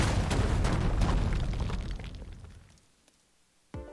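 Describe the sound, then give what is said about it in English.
A loud, rumbling explosion sound effect used in a station liner for radio station WCSF 88.7 FM Joliet, with crackling debris that gradually fades out over a few seconds, followed by a sudden short thump at the very end. “What if we just say the station's name and then you hear some explosions like...”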